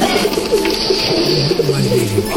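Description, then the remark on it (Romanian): Several pigeons, including tumbler pigeons kept in an attic and nesting under the eaves, coo steadily in low, throaty, repeating warbles, overlapping against a faint background hiss, with no one speaking. “Hei, eu, dar cum văd, aveți și porumbei?”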